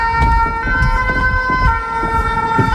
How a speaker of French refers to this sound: On est finalement en plein centre-ville d'Amiens, on entend voilà, les sirènes des pompiers, et c'est la Somme.